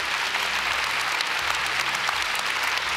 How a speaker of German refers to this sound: Oh, hör dir ruhig den Applaus an.